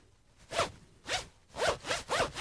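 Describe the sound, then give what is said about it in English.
A clothing zipper is pulled back and forth five times in quick succession, each stroke a bright, raspy zip, fairly loud, with no voices present. “Your zip is killing me there.”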